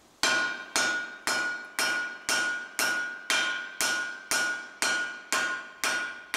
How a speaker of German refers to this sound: Immer wieder schlägt er mit dem Hammer auf das Metall. Entscheidend dabei ist das richtige Werkzeug. So, was ich hier jetzt mache, weil das Axtauge grob geformt ist, fange ich jetzt mit der Schneide an.